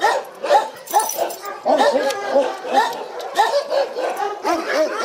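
A chorus of many shelter dogs barking and yelping at once at visitors, overlapping into a loud, continuous din with no pauses, some higher whimpering yips mixed among the deeper barks.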